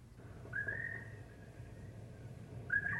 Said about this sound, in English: Listen, even the birds sound lonely.